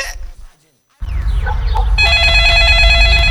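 A telephone bell rings loudly and continuously for about a second and a half, its bright tone over a busy background, after a brief silence and some low rumbling.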